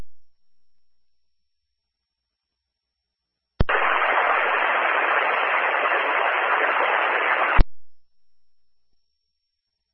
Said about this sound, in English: I believe that's United 262, same problem with just a carrier.